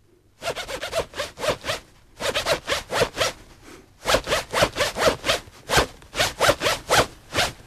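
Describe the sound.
A clothing zipper is yanked up and down in quick rhythmic bursts, grouped into phrases that tap out a song's beat. The rasping strokes are fairly loud, with no one talking.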